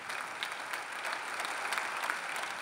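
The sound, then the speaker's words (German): Steady, dense applause from a sizable crowd of Bremen SPD party members, with scattered cheers rising above the clapping throughout, sustained at an even level. “Doch der Jubel kann nicht darüber hinwegtäuschen, dass die stolze Bremer SPD schrumpft.”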